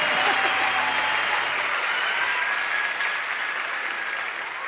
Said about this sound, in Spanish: Gracias por esos tres aplausos que me dieron. Dios los bendiga a esos tres hermanos que la escucharon.